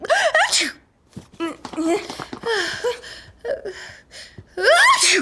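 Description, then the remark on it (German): Loud, voiced sneezes burst out, one at the start and another at the end, with quieter vocal noises and mumbling in between. “Gesundheit!”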